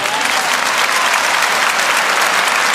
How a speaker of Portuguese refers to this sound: Amém? Não merece um aplauso isso, não?